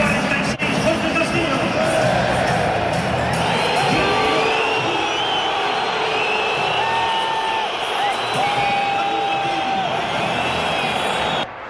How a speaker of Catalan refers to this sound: Mira, podem escoltar la xiulada de Julián quan ha entrat al terreny de joc en aquesta segona meitat.